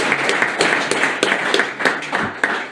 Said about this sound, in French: Vraiment, merci de votre applaudissement. Pour notre super président.